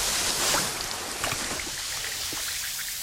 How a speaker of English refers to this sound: Hear that? That's Alka-Seltzer. The sound of fast heartburn relief.